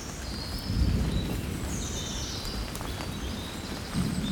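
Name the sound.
birds singing outdoors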